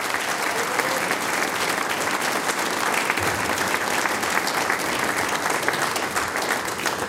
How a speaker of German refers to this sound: Und die …, die sechs Herren, kriegen natürlich auch noch einen großen Applaus. Sie spielen uns dann auch aus.